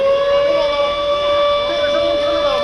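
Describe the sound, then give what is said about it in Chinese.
A civil defense air raid siren sounds loudly and continuously during a routine, non-emergency air defense alarm test at 10 a.m. in areas outside the city's Fifth Ring Road. It holds a steady, piercing mid-pitched wail with strong overtones for the whole stretch, with no break or rise and fall. “上午10点，随着指令下达，防空警报按照预先警报、空袭警报、解除警报的顺序依次鸣响，每轮警报持续3分钟，信号之间间隔7分钟。”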